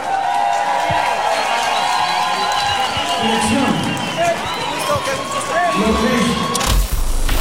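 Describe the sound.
An audience applauds, dense clapping blended with crowd cheering and voices, holding steady and loud for about seven seconds.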